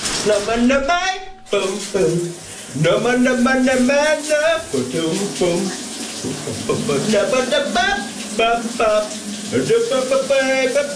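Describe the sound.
A voice sings a big Danish 1980s hit while shower water runs steadily underneath, a continuous hiss of spray that never stops through the whole song.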